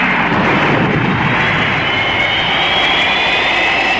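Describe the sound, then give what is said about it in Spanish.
Braking rockets of the craft Cometa 1 fire to slow it on a runway, in a loud, steady roar with a hissing rushing edge, sustained without a break for the whole few seconds and no voices over it. “Cohetes de freno.”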